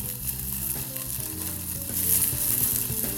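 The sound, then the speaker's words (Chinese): A steady, loud sizzle of rehydrated dried shiitake mushroom strips frying in hot oil in a pan, stir-fried until fragrant, with a crackling hiss that rises slightly toward the end and a few low clanks underneath. No one speaks. “是，香菇丝就直接下。 好，爆香。”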